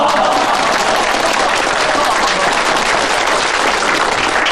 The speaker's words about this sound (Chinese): 鼓掌，鼓掌。